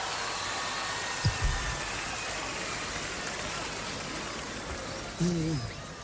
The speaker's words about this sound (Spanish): Un aplauso más fuerte para él, por favor.